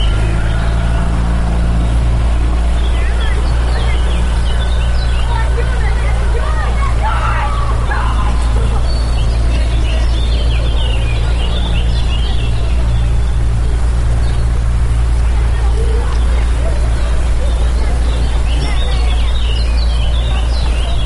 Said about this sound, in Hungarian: Itt fent egyébként a csónakháznál nagyon nagy a sürgésforgás, mert hogy a picik most szállnak vízre